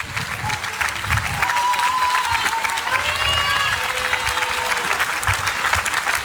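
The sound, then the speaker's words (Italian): A crowd applauds the band, clapping steadily and loudly for several seconds, a dense wash of applause with a few whistles and cheers rising above it. “Ragazzi, venì davanti e ci apevi un applauso come che se devi.”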